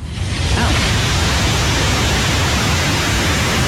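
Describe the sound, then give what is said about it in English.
A steady, unbroken roar of distant ocean waves, a dense hiss heavy in the low end, holding an even loudness throughout with no voices or distinct surges. “Distant ocean waves.”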